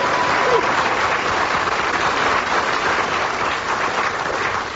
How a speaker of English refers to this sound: Anyway, I heard some applause